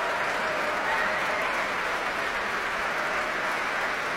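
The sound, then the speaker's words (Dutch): A large audience in the Grote Zaal of the Concertgebouw applauds pianist Sejong Yun Cho enthusiastically, hoping for an encore, a dense, steady wash of clapping that holds at full loudness for the whole stretch without easing off. “Ja, u hoort het zeer enthousiast publiek hier in de grote zaal van het Concertgebouw.”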